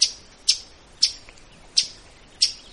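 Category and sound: bird, northern waterthrush chip call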